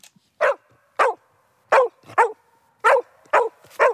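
A herding dog barks excitedly as it sets off on a walk from Bubenreuth near Erlangen, in a rapid series of about seven sharp barks, with short pauses between them and no talking.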